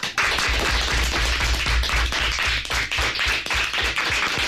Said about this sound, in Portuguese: que se hagan notar también los aplausos en el estudio José Hermida de Radio Pontevedra de los alumnos de quinto y sexto del CEIP Nosa Señora das Dores de Forcarei, que vinieron a conocer a Radio por dentro. Así que, rapaces, que se vos faga notar.